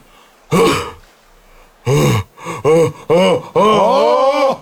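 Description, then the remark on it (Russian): A voice imitates an exaggerated yawn of a metallurgist: a loud groaning burst, then a pause and a run of short strained vocal bursts that end in a long, drawn-out yawning groan. “А вот теперь зевок металлурга.”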